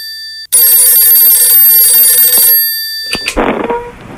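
A telephone rings loudly with a bright, buzzing electronic tone for about two seconds, then cuts off with a click and a brief burst of handset noise.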